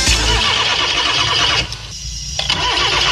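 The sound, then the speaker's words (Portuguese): A car engine turns over and sputters loudly, falters and nearly dies partway through, then rumbles back to life. No voices are heard. “Quando um motor trava, você procura o problema.”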